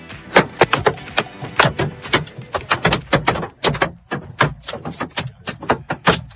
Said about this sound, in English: The sound of golf ball-sized hail hitting a car in the Killarney area yesterday. This person was watching the hail come down from inside their house. It's like golf ball at least size hail.